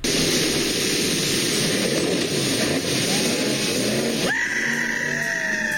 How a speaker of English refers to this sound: Police and conservation officers say they are looking into a viral video that shows a man launching his speedboat off of Lundbreck Falls in the Crow's Nest Pass.